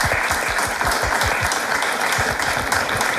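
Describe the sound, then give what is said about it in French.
Steady, dense applause from a game show audience in Dalem for the two contestants who took the lead, many hands clapping at once in a continuous loud wash with no voices standing out. “Vous applaudir d'ailleurs.”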